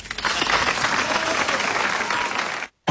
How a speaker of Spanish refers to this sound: y un fuerte aplauso para el rosarino.